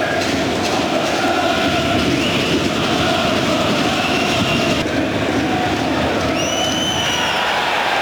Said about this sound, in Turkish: Faul düdüğü geldi.